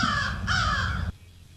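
A crow gives two loud, harsh caws back to back, close by and raspy, then falls silent.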